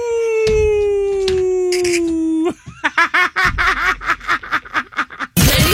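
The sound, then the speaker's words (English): A person in a garage imitates a wolf howl: one long, steady, slowly falling note held for a couple of seconds, then a quick run of short, choppy yelping bursts. “I can't even imagine how many neighbors think that I'm housing wolves in my garage.”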